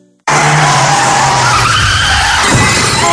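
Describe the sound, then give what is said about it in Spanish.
A loud, sudden screech of car tires skidding bursts in after a brief silence and holds for about three seconds, shifting near the end as if into a collision. “Has tenido un golpe con el coche y no sabes qué hacer.”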